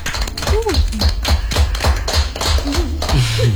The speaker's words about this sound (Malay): Boleh tepuk tangan tuh coach dan musik.